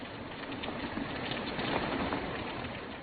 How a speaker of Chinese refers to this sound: 天下雨了。